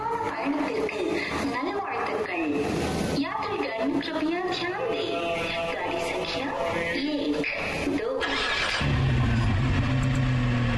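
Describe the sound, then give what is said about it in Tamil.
A car with number plate STN37AZ3964 rumbles and revs as it pulls away at a railway station, the engine drone swelling loud near the end over a busy background with voices. “Come on, quick quick, கார்ல ஏறுங்க, அந்த கார் மூவ் ஆகுது.”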